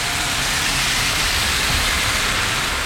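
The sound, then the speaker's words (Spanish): A heavy downpour of rain at 12:51 roars steadily and loudly, a dense, unbroken wash of rain hiss with a low rumble underneath and no voices. “Este es un pulso súper fuerte de agua.”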